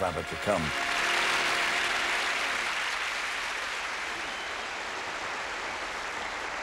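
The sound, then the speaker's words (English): A studio audience at a BBC Christmas special breaks into sustained applause for a band, a dense, steady wash of clapping that holds at an even loudness throughout, with a brief burst of voice right at the start. “No, see, that applause, it just shows you how lovely you are.”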